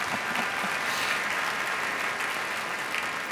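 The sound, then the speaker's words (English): An audience claps steadily in sustained applause for a conductor, a dense, even wash of many hands throughout, with no voices standing out above it. “please applaud him also, please.”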